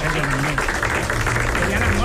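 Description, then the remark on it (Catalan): A crowd applauds steadily to welcome a guest, a dense patter of many hands clapping at once, with voices murmuring faintly underneath throughout. “Bueno, escolta'm, aprofitem aquest aplaudiment per donar la benvinguda a la”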